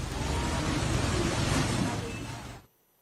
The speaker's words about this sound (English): Powerful waves from the swollen Narayani River hit a Buddha statue in Narayan Ghat, Chitwan, as floodwaters rose in Nepal following the massive flash flood.